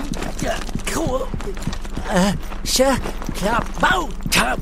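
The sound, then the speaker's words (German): Quick, evenly spaced running footsteps thud along steadily while a high, bouncy voice huffs and squeaks over them in short bursts, as someone runs carrying a bag with Huckepuck being shaken about inside. “Vom Rennen wird Huckepuck ziemlich dolle durchgewirbelt.”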